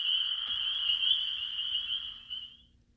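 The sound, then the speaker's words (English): A steady, high-pitched cricket trill drones continuously for a few seconds, fairly loud, then fades out near the end over a faint low background hum. “I love those crickets.”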